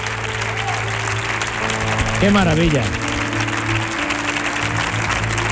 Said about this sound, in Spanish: Póngase usted aquí, por favor, para recibir estos aplausos.